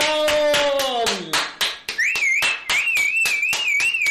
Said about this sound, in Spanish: Como dije, ¡un aplauso! ¡Excelente!